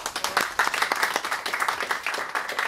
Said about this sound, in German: Einen Applaus für die Sieger.